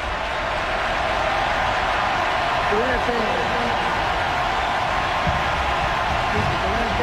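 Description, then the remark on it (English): A huge crowd at Del Campbell Stadium roars steadily during a football game, with many voices rising together in a loud, sustained war chant that echoes across the open space. “War chant echoing throughout Del Campbell Stadium.”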